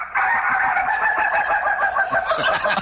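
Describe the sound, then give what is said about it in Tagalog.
A flock of chickens crowing and clucking together in a loud, continuous chorus, with overlapping calls throughout and no voices. “Padunggon ta mo stock sa kong mga manok.”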